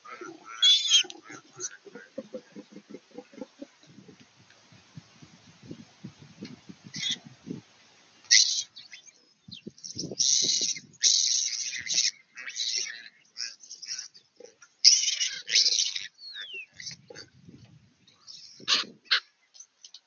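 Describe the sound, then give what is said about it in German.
Harsh, raspy calls ring out in repeated bursts from several ravens chasing piglets on a farm and pulling at their tails, some calls clustered in quick runs, alongside a series of low, rapid grunting pulses early on and scattered softer rustling. “Verschiedene Raben jagen die Ferkel.”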